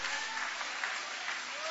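A church audience applauding in praise of God, a steady dense wash of many hands clapping at an even, moderately loud level throughout, with no voices standing out.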